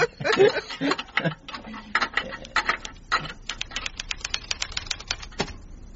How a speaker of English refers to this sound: Then, I have finished typing a little report on Mr. Spokesy.